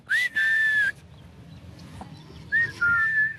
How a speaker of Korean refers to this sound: 휘파람 소리에 응답하듯 알파카 주인이 모습을 드러냅니다.